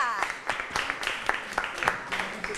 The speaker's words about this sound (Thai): วันนี้นะคะเราได้ผู้ชนะไป2กลุ่มด้วยกันปรบมือให้กับกลุ่ม1และกลุ่ม5ค่ะ